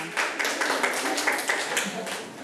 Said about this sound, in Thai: นะคะปรบมือให้กับกลุ่มที่4ค่ะ